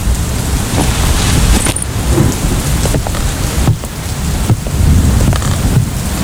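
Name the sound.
heavy rain with thunder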